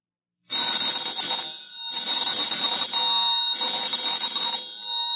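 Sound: telephone bell ringing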